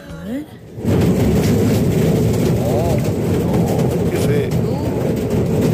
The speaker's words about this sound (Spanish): desde las calles de Córdoba, sí, con su llovizna. Sí. Es verdad, claro, y fresco. Escuchen.